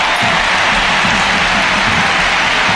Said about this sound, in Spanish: La primera sustituida es Graham Hansen, que se lleva esta ovación, y Claudia Pina. Escuchamos el Camp Nou.